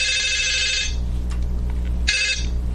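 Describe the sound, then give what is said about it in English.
A telephone rings on an outgoing call that is being taped, in two bursts, a long electronic trill followed after a pause by a second one that is cut short, over a steady low hum with no one speaking. “They exchanged telephone numbers, and then it was time for a phone call.”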